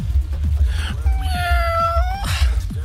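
A single drawn-out meow with a steady, slightly nasal pitch, lasting about a second over a low, rhythmic thumping background.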